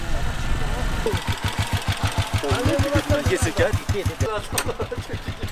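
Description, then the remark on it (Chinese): A motorcycle engine idles, a loud, steady, rapid chugging throughout, while a man's voice talks over it partway through; one of five or six motorcycles readying to take a survey team up a mountain where cars cannot go, near the Jinsha River in China. “5-6个摩托车哈，汽车上不去了哈， 不能走了。”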